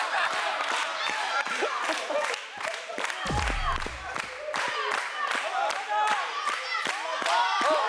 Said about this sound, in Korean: 와, 박수치기, 박수치기.